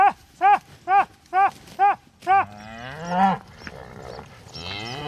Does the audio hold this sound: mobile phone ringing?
no